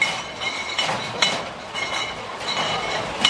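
Heavy beer mugs clink together several times in quick, bright knocks against a steady wash of crowd noise, with a couple of louder clanks standing out, as Oktoberfest kicks off in Munich, Germany.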